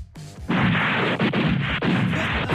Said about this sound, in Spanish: Era un cañonazo normal esa cosa que era. Bueno, hoy hacen pruebas al cañón Krupp de 75 milímetros del Cerro Santa Lucía, que incluirán un disparo de prueba